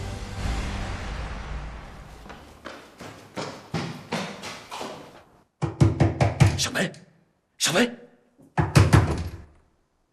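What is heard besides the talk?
knocking on a door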